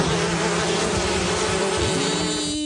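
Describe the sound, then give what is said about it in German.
Wasps buzz steadily, a dense droning hum with a sustained pitch that shifts slightly near the end. No one speaks. “Lifehack, so vertreibt ihr Wespen.”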